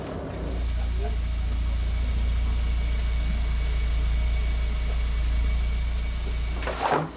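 A runway friction test car drives steadily along an airport runway measuring its braking properties, with a deep, constant engine rumble and road noise heard from inside, ending with a brief rattling clunk as it turns around to drive the 2,600-metre measurement stretch in the other direction.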